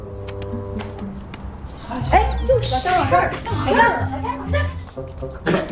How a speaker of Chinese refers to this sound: 不是，哎，我可跟你说啊，这狗得看好了，杀了人可不是小事儿。